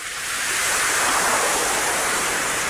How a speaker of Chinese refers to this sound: 渔夫低着头走向大海，平静的海面变得波涛汹涌起来。